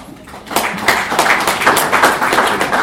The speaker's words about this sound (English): First and foremost, I want you to clap for yourself.